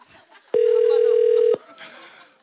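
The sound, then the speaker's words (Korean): A loud, steady electronic telephone tone sounds for about a second, starting and stopping abruptly, as a call to a caller (number 6) fails to connect, with faint talking and background noise before and after it. “연결이 되지 않아. 왜 되지 않아?”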